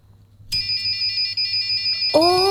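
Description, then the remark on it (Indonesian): A flame sensor alarm, set off by pointing the sensor toward a lighter's flame, buzzes with a shrill, steady electronic tone that starts abruptly and holds continuously over a low hum, joined near the end by a lower, rising tone. “Yang penting arah flame sensor ke apinya tuh ke searah api, ya. Gitu ya. Maka ada bunyi seperti gitu itu ya.”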